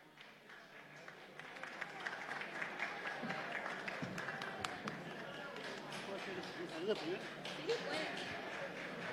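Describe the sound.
A crowd applauds steadily for several seconds as a singing-contest participant from Vergara is welcomed, a dense wash of clapping with scattered sharper claps and a bit of murmuring voices mixed in.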